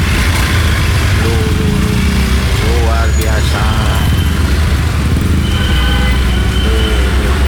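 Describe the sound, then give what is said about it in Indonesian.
Loud, steady rumble of many car and motorbike engines idling and revving in congested Sunday traffic, vehicles backed up from PLN toward Lafayette and Semeru, with a man's voice speaking briefly over the din. “Luar biasa ini, minggu sampai macet sampai 4 sub ini mobilnya ini.”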